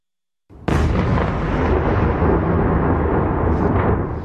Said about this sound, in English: Explosions thundered over the capital of Kyiv overnight as Moscow kept up its constant barrage on the city.